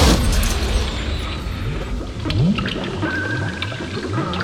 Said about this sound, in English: Six billion years ago, great natural explosions rocked the Earth, and a living, breathing thing was born.